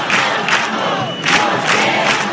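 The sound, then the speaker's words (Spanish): A large crowd chants 'huelga general' (general strike) in unison at a housing protest assembly in Puerta del Sol, Madrid. The chanting is loud and steady, with rhythmic swells of many voices rising and falling every half second or so. “Además del no nos vamos, nos quedamos, en la asamblea organizada en la Puerta del Sol se escucharon recurrentemente 2 palabras.”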